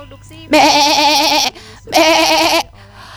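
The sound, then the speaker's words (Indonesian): Two loud bleats from a very large sheep, each about a second long with a wavering, quavering tone, separated by a short pause and standing alone without talk. “Maka hentikan olehmu menyembelih putramu, karena Allah menggantikannya dengan seekor domba yang sangat besar.”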